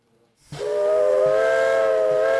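A steam locomotive on the Brecon and Merthyr railway line in Wales, UK, blows its whistle in a long, sustained harmonic tone over a broad hiss of escaping steam, with soft rhythmic chuffs underneath; loud, no voices.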